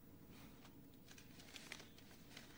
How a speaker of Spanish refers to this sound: El investigador hojea los papeles.